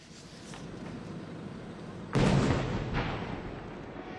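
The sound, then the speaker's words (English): Fireworks explode overhead at the 98th Omagari Fireworks Competition in Daisen City, Akita Prefecture, northern Japan: after a steady rumbling background, a sudden loud boom bursts out midway, followed by a couple of softer rolling blasts echoing away. “Nearly 20,000 fireworks illuminated the sky over Daisen City in northern Japan's Akita Prefecture on Saturday.”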